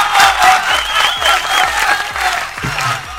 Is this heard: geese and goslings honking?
no